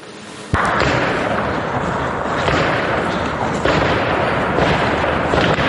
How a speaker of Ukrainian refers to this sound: Дзищання дронів та автоматні черги – це уже звичні звуки для Дружківки. Поліцейські екіпажу білих янголів, які приїхали на евакуацію, постійно під атакою FPV-дронів противника.